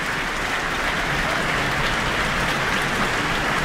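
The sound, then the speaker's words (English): An Auckland concert audience applauds composer Leanne Holmes as she comes to the stage after the New Zealand Symphony Orchestra performs her I Watched a Shadow: a dense, even wash of many hands clapping at constant loudness with no pauses, and no voices over it. “And we have Leanne Holmes coming to the stage to receive her very warm applause from the Auckland audience tonight.”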